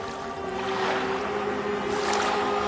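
Rising water sloshes and laps steadily for a few seconds, a continuous rushing wash of waves with a faint low hum underneath and no one speaking.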